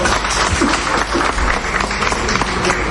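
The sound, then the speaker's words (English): A crowd breaks into steady applause for a prize winner who takes home a television set, dense overlapping claps sustained at a fairly loud level for a few seconds, with a faint murmur of voices underneath. “A round of applause.”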